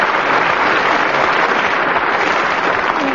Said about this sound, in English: Very good, very good. But not quite as much applause as I got. Still, not too bad.